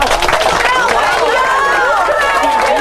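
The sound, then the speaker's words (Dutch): An enthusiastic crowd cheers and whoops, many excited voices rising and falling together over a steady wash of clapping, loud and sustained for a few seconds. “Je hoort, het publiek is wel weer enthousiast, hoor.”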